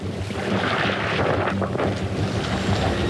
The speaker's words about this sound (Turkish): Rüzgar hızlandı. Maalesef şiddetleniyor.